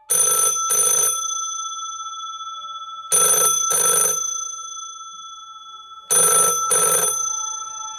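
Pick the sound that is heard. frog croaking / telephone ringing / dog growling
telephone ringing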